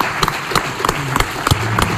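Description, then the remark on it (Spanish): Audience applause at a Radio Marca tribute, called for as two guests come up on stage. Distinct claps land in a steady, fairly quick rhythm over a low background murmur, sounding like a modest crowd clapping together rather than a dense ovation. “Por favor, les pido que suban con nosotros, tanto a Pablo como a Olga. Fuerte aplauso.”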